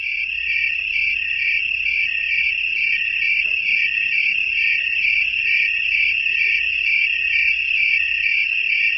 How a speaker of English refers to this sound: There are more insect species in the world than all other animal species combined, and insects, such as tree crickets, can create a deafening noise. In many species of crickets, countless individuals, all chirping in one area, tend to sing in unison